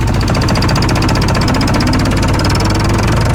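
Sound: tractor engine running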